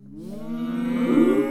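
A single long, low cow moo as the cows are about to be fed swells steadily over about a second and a half, rich and resonant, growing louder toward the end with no talking.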